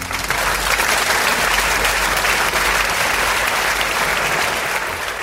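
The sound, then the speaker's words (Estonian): Sustained audience applause, a dense wash of many hands clapping at steady loudness for several seconds, full with no voices standing out. “Aplaus!”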